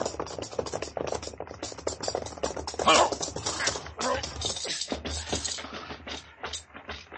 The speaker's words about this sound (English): Mr. Dillon, there's somebody over there on a horse heading down into the river bottom. Let him go. We'll never catch him in that brush, not tonight.